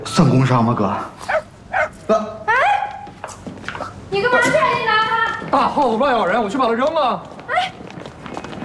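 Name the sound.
small puppy barking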